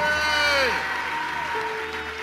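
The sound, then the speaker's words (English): A crowd applauds for Jesus after a woman is announced as healed, steady throughout, a dense wash of clapping with whoops and cheering voices gliding up and down in pitch over it. “Can we give Jesus a big applaud?”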